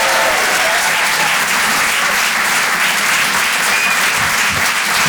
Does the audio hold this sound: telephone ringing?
no